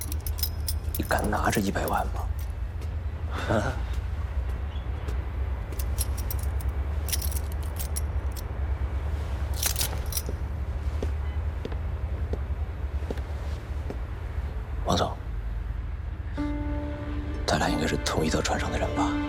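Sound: keys jangling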